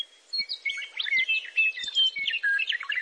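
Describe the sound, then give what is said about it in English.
A songbird on a telephone pole in spring sings a rich, continuous melodic phrase of quick warbling notes and clear whistles, loud, with no other sounds around it. “Every year, we knew it was spring when that bird or its subsequent generations came, I swear, to the same telephone pole and just ripped out this incredible song that we could hear, you know, 150 yards away.”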